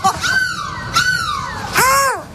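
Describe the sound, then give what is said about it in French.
A person imitates a seagull with three loud, drawn-out wailing cries, each gliding downward in pitch, with brief gaps between calls, during a live radio broadcast from a bus in Lille. “Mais laisse-moi tranquille, je fais la mouette que je veux.”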